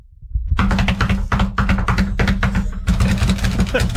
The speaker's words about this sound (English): What is that? Somebody cramming and slapping their knuckles onto their desk. Oh. Like a drum beat. Yeah, like drumming on everything.